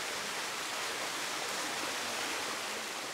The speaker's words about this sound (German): Knietief muss es hier mindestens volllaufen, bevor die Poolsaison eröffnet werden kann.